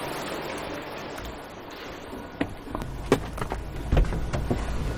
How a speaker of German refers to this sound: steigt in einen großen Transporter. Das Armaturenbrett knarzt beim Losfahren.